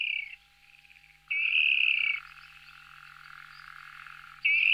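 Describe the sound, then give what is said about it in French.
A water rail calls loudly and close by, harsh squealing bursts at the start, middle and end, joined by a quieter, continuous rattling chatter in between, with no voices. “C'est un petit oiseau très discret, c'est le râle aquatique ou râle d'eau, qui ne se montre que rarement, mais on le reconnaît facilement à son cri.”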